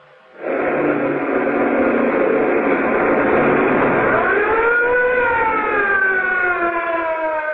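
A police car siren wails loudly, its pitch sweeping upward over a dense rush of engine and road noise, as the police car chases a fleeing sedan at breakneck speed through narrow streets around a waterfront, with no voices.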